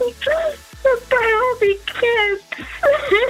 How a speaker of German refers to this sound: Ja, scheiße, ich muss weinen. Man nicht weinen.